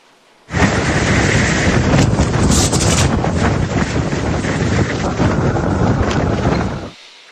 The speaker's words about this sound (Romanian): Acum imagini uluitoare vin din Irak, unde o furtună de nisip a lovit puternic o regiune din vestul țării, iată.